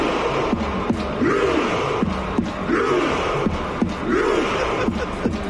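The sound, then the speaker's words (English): A huge stadium crowd of about 50,000 Norway fans, celebrating a win with the team, chants in unison, a long rising-and-falling roar like "row" repeated about every 1.5 seconds, punctuated by sharp drum hits between the chants, loud and continuous. “It's 50,000 people rowing.”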